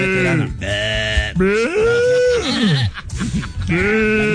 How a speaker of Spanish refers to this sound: Esa es la chiva ya